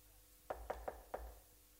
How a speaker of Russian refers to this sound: постучалась в дверь